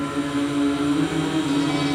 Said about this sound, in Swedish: Och jag sa ju förut att jag har fönstret öppet. Men det är inte därigenom man hör de här vågorna som vi hör nu i bakgrunden. Lyssna.